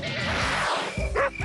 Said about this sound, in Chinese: 几点了还让不让人睡觉了？这狗都叫了大半夜了，也没人管管吗？